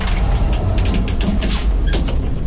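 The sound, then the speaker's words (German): An elevator hums as it rides upward to the roof of a building, a steady low mechanical rumble with a few soft clicks and rattles from the car, and no voices. “Wir fahren mit dem Lift aufs Dach.”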